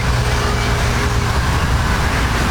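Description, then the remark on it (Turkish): Steady, dense road traffic rumbles continuously on the Zeytinburnu coastal road, a constant wash of passing cars with heavy low-end engine and tire noise, fairly loud, with no one speaking. “Burası Zeytinburnu sahil yolu.”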